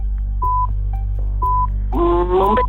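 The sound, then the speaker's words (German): Two short, steady electronic beeps about a second apart from a quiz show timer signal that a contestant's time is up, sounding over a constant low hum before a brief vocal sound cuts in. “Sie haben es gehört, da hinten war schon der Piepser.”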